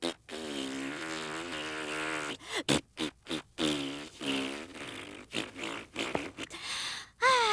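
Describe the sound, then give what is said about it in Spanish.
A voice blows a long, sputtering raspberry as an imitation of a boo, with wavering buzzy pitch, broken into several bursts of flapping lip noise toward the end, loud and with no speech. “Quiero que tú hagas un abucheo.”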